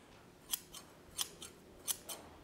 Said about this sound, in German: Seine Schere, die später in den Zaun eingebaut werden soll, ist fast fertig. Wir sind ungefähr in der Form, die wir haben möchten. Am Ende kommt jetzt hier noch durch die beiden gestanzten Löcher eine Niete.